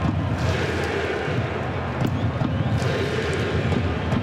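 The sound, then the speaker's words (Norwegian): A dense stadium crowd of Moroccan fans roars steadily while clapping together, with a few sharper claps cutting through the constant wash of noise, during a football match between France and Morocco. “så hører dere sikkert klappingen fra marokkanerne.”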